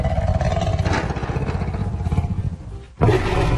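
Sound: lion roaring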